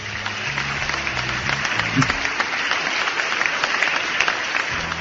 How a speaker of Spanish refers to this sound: Bueno, seguimos con los aplausos, nos vamos al aplauso de Arrocha. A ver el aplauso para los paisanos de Rocha.